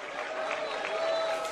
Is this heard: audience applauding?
yes